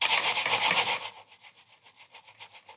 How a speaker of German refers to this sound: Hört mal genau hin, wenn Soline mit ihrer Maus über den Tisch fährt, wie das klingt.